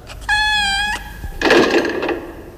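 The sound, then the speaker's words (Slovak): A cat gives one clear, sustained meow, fairly loud, followed a moment later by a short burst of rustling, bumping noise. No one speaks. “Ahoj, mačka.”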